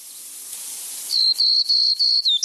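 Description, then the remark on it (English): A black-throated green warbler sings a clear series of about five high, thin buzzy notes, the last ones dipping then rising, after a second of soft hiss. “They may form mixed flocks with black-throated green warblers that nest in the eastern U.S. and Canada.”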